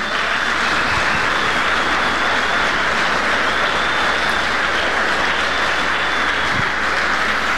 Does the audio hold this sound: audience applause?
yes